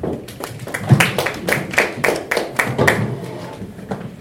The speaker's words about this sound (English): Thank you so much, Daktari. We can give her a good clap for that. Thank you.